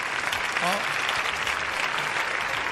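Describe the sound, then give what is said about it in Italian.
Steady, dense applause from many hands fills the whole stretch, a continuous bright crackle at even loudness, with a brief voice-like murmur surfacing partway through. “Sono già pronto ciao, con l'applauso.”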